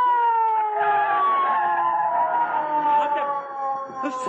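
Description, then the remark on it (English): A police car siren wails loudly and continuously, its tone sliding slowly downward, with no one speaking over it. “McGee, I hear a siren. Oh, so do I. It's the police”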